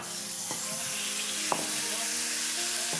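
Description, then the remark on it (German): Ground meat sizzles steadily as it is browned in a hot oiled pan, a dense hiss with a few soft clinks and faint voice-like tones underneath. “Jetzt geht das Hackfleisch da rein. Achtung, schönes Geräusch.”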